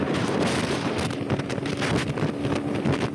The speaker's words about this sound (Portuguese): Quando o vento é forte, árvores vão ao chão.